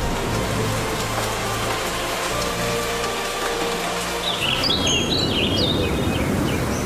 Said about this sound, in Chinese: 天上响起了一阵雷，又下雨了。伴着滚滚的雷声和哗哗的雨声，他们离开了上海。